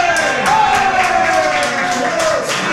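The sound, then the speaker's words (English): The referee's final whistle ends France's win over Paraguay as French football fans in a pub cheer loudly and continuously, with a steady roar, scattered sharp bursts like claps or shouts, and a sustained tone held above the crowd noise. “with that, the final whistle and its cheers from the French fans, not so much for the Taiwanese supporters of Paraguay.”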